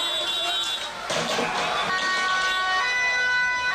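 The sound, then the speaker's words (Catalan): A chaotic street clash in The Hague, Netherlands, between Dutch riot police and about 500 far-right demonstrators using projectiles and pyrotechnics: sirens wail over a dense roar of crowd noise, with a sudden sharp burst like a firework or thrown projectile early on, loud. “La policia ha detingut diverses persones que corejaven consignes antisemites i feien salutacions hitlerianes i que s'han enfrontat, com sentim, als agents amb projectils i elements pirotècnics.”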